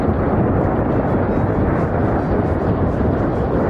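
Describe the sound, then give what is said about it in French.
A deep, continuous rumble of thunder with lightning during a storm under black clouds rolls on without a break, heavy in the low end and steady in loudness, with no voices over it. “Les nuages sont tout noirs et on entend le tonnerre, les éclairs.”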